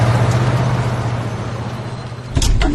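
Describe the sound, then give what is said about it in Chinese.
A car engine roars steadily as the vehicle drives off, with a sudden louder surge near the end; no voices, just the rushing motor noise. “汽车飞驰而去。”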